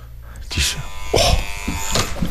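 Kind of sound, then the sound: signal or alarm, doorbell ringing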